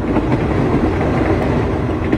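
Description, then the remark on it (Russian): An express train rolls along the rails, slowing down as it approaches Trnava station, with a steady, heavy low rumble and a faint rhythmic clatter of wheels, continuous throughout, with no voices. “Скорый начал притормаживать, мимо Мирка пробежал проводник, громко объявляя, что поезд подъезжает к станции Трнава.”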